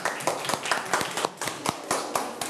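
A short round of hand clapping, about eight or nine sharp, crisp claps in a quick, fairly steady rhythm, moderately loud with no voices over it.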